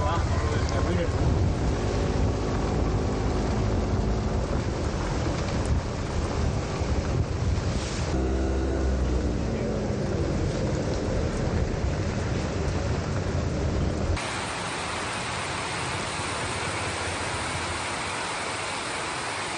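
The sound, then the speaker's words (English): Heavy rain pounds a metal roof in Chennai in a loud, unbroken roar, with thunder, a low engine hum and muffled voices beneath it early on before it settles into a steady, hissing downpour. “Wow, listen to that rain come down on this metal roof.”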